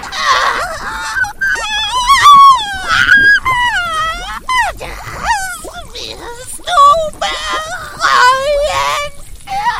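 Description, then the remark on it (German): Loud, high-pitched wailing screams from inside a house rise and fall in a run of drawn-out, sliding cries with short breaks between them. The voice sounds strained, with no other sounds underneath. “Erschrocken drehte sie sich jedoch um, als ein Schrei aus dem Inneren des Hauses ertönte.”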